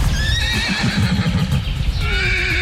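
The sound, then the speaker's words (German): Wild horses neigh and whinny, their calls rising and falling over a low rumble of hoofbeats and movement from the group, in the Meerfelderbruch nature reserve at Dülmen, where about 400 horses live outdoors all year. “war gestern bei den Wildpferden in Dülmen.”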